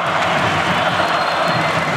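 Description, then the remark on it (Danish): A large stadium crowd of about 20,000 spectators, most supporting the Danish champions against Barcelona with 1 minute 40 seconds left, roars and cheers in a steady, dense wash of noise, loud and unbroken for two seconds, with no single voice standing out. “Det er hovedparten af 20.000 tilskuere, der holder med de danske mestre, de danske double-winnere, som prøver at vinde det triple.”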